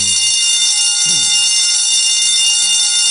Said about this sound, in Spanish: Oigan, escucha usted esta chicharra.